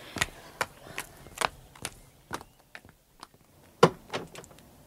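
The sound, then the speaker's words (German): A door being opened, heard as a string of irregular clicks and knocks from the latch and frame, with one sharper, louder clack near the end. “Die Tür ist auf.”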